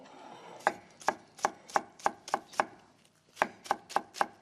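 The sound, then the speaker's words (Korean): A knife slices half a green onion (daepa) on a cutting board while making a spicy-sweet seasoning: about eleven crisp, sharp taps in a steady rhythm, with a short pause partway through. No one speaks. “잘라주고 송송송.”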